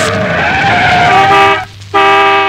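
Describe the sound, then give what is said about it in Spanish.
A loud, sustained screech of car brakes with a shrill squealing whine, briefly cutting out and then resuming, with no voices. “Hasta que se oía el chirriar de los frenos, el bocinazo imperioso.”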